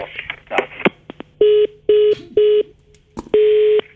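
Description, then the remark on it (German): Telephone keypad dialing to call back after the line was cut off: a burst of clicks and rustling handling noise, then four short, steady touch-tone beeps at an even pace and a final, longer tone. No one speaks. “Unsere Leitung war jetzt irgendwie unterbrochen.”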